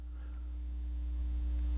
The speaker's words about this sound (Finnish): Mä kuulen mitään. Mutta tämä on se eka biisi. Tämä on siis jotain kohinaa. No niin on. Siis tämä eka biisi nimenomaan on pelkkää kohinaa.